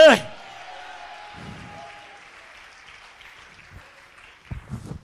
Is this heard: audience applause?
yes